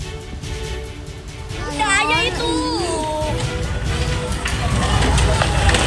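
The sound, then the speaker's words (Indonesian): A chaotic outdoor scene: a fire at a canteen and spare-parts warehouse on Jalan Bisma, Papanggo, Tanjung Priok, North Jakarta, roars and crackles steadily on a Monday evening, suspected to be caused by an electrical short circuit, while panicking residents shout and call out in alarm, their raised voices rising over the constant noise. “Kebakaran yang diduga dipicu korsleting listrik ini membuat warga sekitar menjadi panik.”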